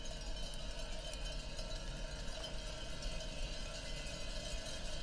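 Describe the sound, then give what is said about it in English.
A dense chorus of sheep bells, recorded in Slovakia, clanks and rings continuously, many metallic tones overlapping into a steady shimmering wash with scattered sharper clinks, and no voices. “As I understand it, this is a chorus of sheep bells.”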